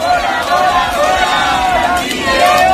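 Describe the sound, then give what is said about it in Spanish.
A housing protest crowd in Bilbao, Spain, shouts together in a loud, steady roar of many voices, rising and falling in chanted waves without a pause for the whole stretch. “Gritos desde Bilbao, donde hablábamos con dos de los convocantes.”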